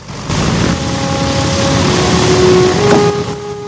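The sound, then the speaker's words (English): A loud, steady roar of the piston engines of the B-17 bomber Memphis Belle rumbles continuously, with a broad low throb and faint tonal whines rising slightly. The plane is waved off the hard standing and taxis away. “The wheels slowly turn, and the aircraft's nose seems to lollop as the B-17 pulls away.”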